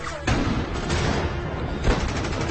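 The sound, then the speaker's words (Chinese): Rapid gunfire crackles in a dense, continuous barrage during an enemy ambush in a desert, with shots overlapping into a loud, chaotic roar and a heavier burst near the end. No voices are heard. “渐渐的，枪声越来越近，身边的人越来越少，但我还是不停的在跑”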